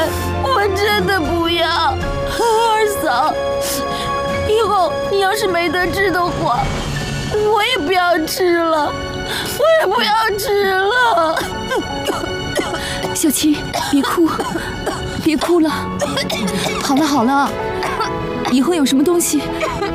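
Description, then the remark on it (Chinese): A girl cries and whimpers, her voice breaking into wavering, sobbing wails over about twenty seconds, with a steady low background hum throughout. “别哭，别哭了。”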